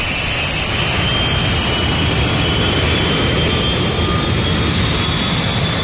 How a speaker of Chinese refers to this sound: 当飞机起飞调整高度与气流颠簸时，他便不停地抱着清洁袋呕吐。